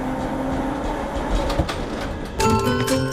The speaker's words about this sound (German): mit der Straßenbahn.